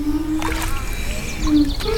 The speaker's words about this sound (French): une œuvre musicale à partir de céramique. Et c'est le contact avec l'eau qui donne le son. Ça ressemble à une canne à pêche. Ouais. Vous avez là, au bout de la canne à pêche, vous avez la céramique. Faisons de la musique.